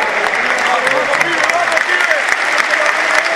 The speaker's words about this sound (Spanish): Aplauso para Beltrán.